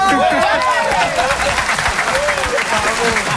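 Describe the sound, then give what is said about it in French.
Loud, dense applause from a crowd, sustained evenly throughout, with scattered voices and shouts rising over the clapping. “Un adjectif, ça applaudit.”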